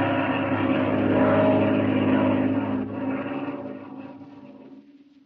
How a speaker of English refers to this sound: It sounds like a plane. You're right, Patsy. It is a plane. It's a black one.